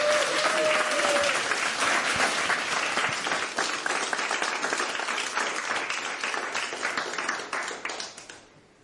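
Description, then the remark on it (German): Sustained applause from a live audience for a band performing live on a radio studio stage, dense clapping at a steady level for several seconds before tapering off and fading out near the end; no one speaks over it. “Und jetzt wünsche ich mir aber nochmal einen richtigen Applaus”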